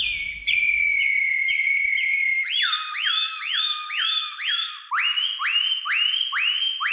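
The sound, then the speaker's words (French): A human whistler imitates the song of an Atlantic canary (serin des Canaries): a sustained high trill, then a series of quick repeated swooping notes that drop lower in pitch toward the end, loud and with no talking. “Serin des Canaries”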